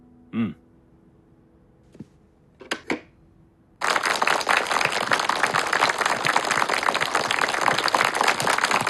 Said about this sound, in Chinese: 我在七届二中全会上讲的少鼓掌，现在看来不起作用啊。 主席不是说过吗？积习难改啊。 好，停止鼓掌啊。